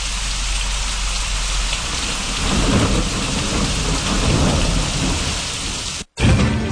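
Heavy rain pours steadily in a dense, hissing wash while low thunder rumbles and swells underneath, loud, with a brief cut near the end before the downpour resumes; an afternoon thunderstorm with showers and wind gusts in Bonao.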